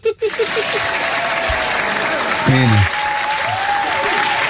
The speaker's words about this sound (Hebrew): נו, תנו לו כפיים.